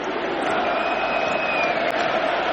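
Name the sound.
stadium crowd chanting independence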